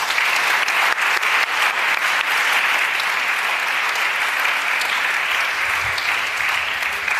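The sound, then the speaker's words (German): An audience applauds to welcome four novelists for about seven seconds, a dense, even wash of many hands clapping at a constant loud level with no voices standing out. “Von uns allen, Ihnen vieren willkommen und Applaus.”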